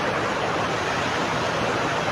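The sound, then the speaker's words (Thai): Heavy rain pours down in a dense, steady hiss that holds at an even level throughout, with no breaks or distinct drops standing out and no voices present. “ฝนตกมากคือไม่เป็นไร”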